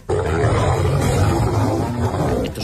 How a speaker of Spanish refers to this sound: Son leones pegándose, ¿no?